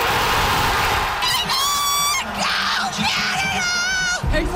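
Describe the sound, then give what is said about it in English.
Soccer fans cheering a Team Canada men's World Cup win in a loud, continuous roar, with high-pitched excited shouts and screams rising repeatedly above the dense crowd noise throughout. “And fans were so happy watching it all go down.”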